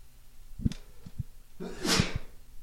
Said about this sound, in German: jetzt muss ich erstmal niesen, Entschuldigung.